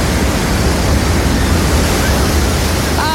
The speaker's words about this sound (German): Wir sind nicht rausgezogen ans Meer. Nein, leider nicht. Aber es ist doch wunderschön, das zu hören. Ne? Komm, warte, lass noch ganz kurz genießen.